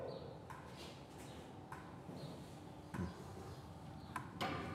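A handful of sharp knocks tap on a bear enclosure at uneven intervals as signals to call the bear Lloyd, each a short, dry hit, the last two close together, over a steady low background rumble.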